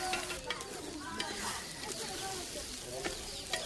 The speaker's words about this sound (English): Today, the women are cooking rice with gombe, which will play an important part at the wedding.